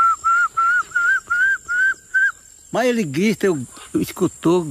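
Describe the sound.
A person, while walking, imitates a small tinamou call, whistling about seven short, even, clear notes in a steady rhythm, followed by a loud burst of wavering voiced sounds.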